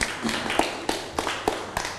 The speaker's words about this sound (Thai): ครูขอชื่นชมเลยว่าเป็นสิ่งที่ดีมากปรบมือให้เพื่อนหน่อยครับ